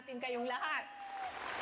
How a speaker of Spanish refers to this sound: Sabemos que ustedes están a la vanguardia de la resistencia, al impulso expansionista de China en el mar de Filipinas Occidental. Un gran aplauso para todos ustedes.